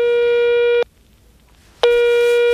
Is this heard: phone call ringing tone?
yes